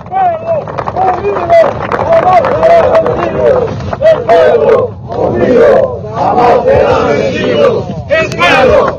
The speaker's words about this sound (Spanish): ¡Fuerte aplauso, compañeros!